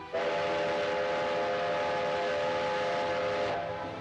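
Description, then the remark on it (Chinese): A train rumbles along the railway tracks while its whistle sounds one long, steady blast for about three seconds, loud, then fades back into the rolling noise; the train carries boxes of oracle bones to Nanjing after the railway resumed operation. “铁路恢复运行，甲骨箱也被装车运往南京。”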